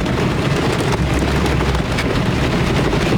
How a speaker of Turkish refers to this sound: Ardahan'ın Çıldır ilçesinde aniden bastıran dolu ve şiddetli fırtına günlük yaşamı felç etti. Fındık büyüklüğünde yağan dolu Öncün köyü ve çevresinde ekili alanları yerle bir etti. Fırtına sebebiyle 20'den fazla evin çatısı uçtu, bazılarını su bastı.